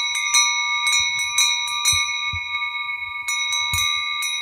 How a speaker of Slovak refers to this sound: To všetko naraz cengalo. Počuli ste? Tie plechové zvonce nosili veľké ovečky a malé liatovce, čiže liaté zvonce, s jemnejším zvukom dávali na krk jahniatkam.